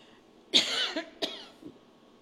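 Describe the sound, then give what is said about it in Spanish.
A couple of small coughs: a sharp burst followed by a second shorter hack, then a faint throaty trailing sound, with no talking. “La tosecita.”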